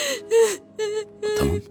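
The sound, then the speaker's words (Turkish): A person crying in a rapid series of gasping, shaky sobs, four broken voiced bursts with sharp intakes of breath between them, no words spoken. “Suç bende, tamam. Ağlama.”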